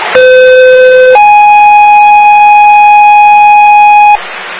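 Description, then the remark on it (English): A loud two-part electronic Franklin Fire dispatch alert tone for a medical shift alarm, engine 281, to a motor vehicle versus pedestrian accident at 260 East Central Street, Alpha Dental Center: a steady lower pitch for about a second, then a higher sustained tone for three seconds before it cuts off abruptly, with faint hiss behind it. “Fire medical shift alarm, 260 East Central Street, engine 281, MVA unknown.”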